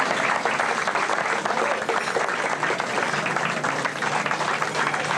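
Steady, dense applause from a crowd, many hands clapping at once in a continuous loud wash that holds evenly for several seconds without pause.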